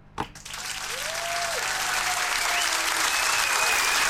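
A crowd bursts into applause for contest finalists after a brief knock, quickly swelling into a steady, dense clapping that keeps building in loudness to the end, with a faint whistle rising through it.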